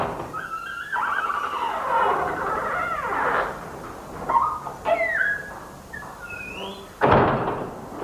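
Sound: door opening and closing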